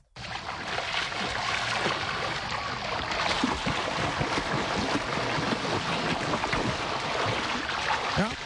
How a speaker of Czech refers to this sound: Je pro někoho obyčejná voda, pro nás ostatní znamení, že na brněnských koupácích startuje sezóna.